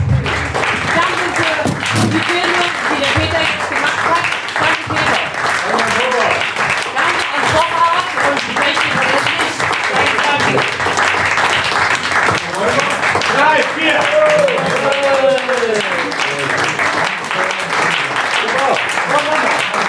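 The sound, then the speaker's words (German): Steady, dense audience applause fills the full twenty seconds at a constant loud level, with voices calling out and chattering through the clapping. “Applaus.”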